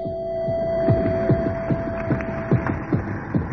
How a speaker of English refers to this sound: Neither did the sudden recurrence of the heartbeat from deep within the pipe help the repair crew's confidence.